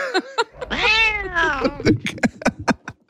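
A cat lets out two drawn-out, rising and falling meows, followed by a quick series of short clicks and taps.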